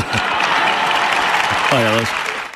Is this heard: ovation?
yes